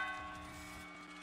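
A large bell is rung at a Mexican independence celebration in Chihuahua, ringing out with a long, ringing hum of overlapping tones, loud and sustained with no voices, as if a single strike is fading slowly.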